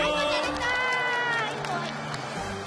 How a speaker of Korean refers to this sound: 우리 용감한 두꺼비에게 모두 모두 박수!